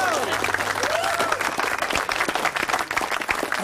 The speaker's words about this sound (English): Hey, give yourselves a clap. Hey, how good was that?